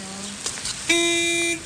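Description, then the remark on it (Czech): A car horn honks twice: a short, lower beep first, then a longer, louder steady blast lasting over half a second, with no one talking. “Klaxon troubí.”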